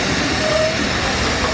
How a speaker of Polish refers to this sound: Spóźniony pociąg.